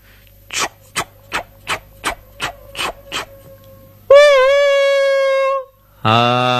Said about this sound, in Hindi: रेलगाड़ी में होता है एक बड़ा सा इंजन और उसमें जुड़े होते हैं बहुत सारे डब्बे, तभी तो बहुत सारे लोग रेलगाड़ी में बैठकर आते और जाते हैं।